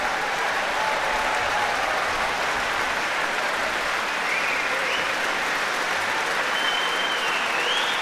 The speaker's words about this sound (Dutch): En ook grote applaus nog weer voor de muzici van het Rotterdamse Philharmonisch Orkest. Ja, prachtige avond. Hier in Rotterdam.